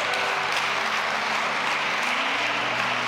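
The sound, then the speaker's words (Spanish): Sustained applause from a crowd, a dense wash of steady clapping at an even loudness throughout, with no voices standing out above it. “Ya, un aplauso para ella, gracias.”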